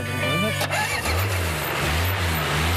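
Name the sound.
car engine starting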